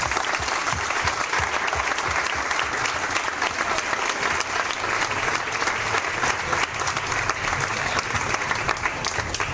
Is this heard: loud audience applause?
yes